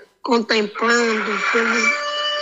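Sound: rooster crowing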